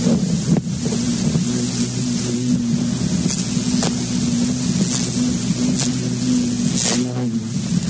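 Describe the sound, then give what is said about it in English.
An insect, just let out of a cup tipped on its side, buzzes continuously around a light bulb, a steady low droning hum that wavers slightly in pitch, with a few faint ticks over a rushing, windy background and no talking. “He just shat, he just dropped something in the air, and he's buzzing around the light bulb.”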